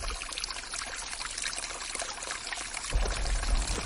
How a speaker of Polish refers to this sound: Pamiętacie Chochołowski Potok? Teraz, kiedy zeszliśmy już z żółtego szlaku, mamy go po lewej stronie, wychodząc z Doliny Chochołowskiej. Latem pięknie jest zamoczyć zmęczone stopy w tej górskiej, zimnej wodzie.